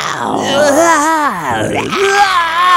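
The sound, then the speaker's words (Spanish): A person growls out a mock dinosaur roar as a dinosaur noise for a Jurassic-adventure ticket giveaway: a rough, wavering, drawn-out vocal cry that swoops up and down in pitch over about three seconds, loud and unbroken. “Su ruido de dinosaurio. ¿Cómo crees que hace un dinosaurio, baby?”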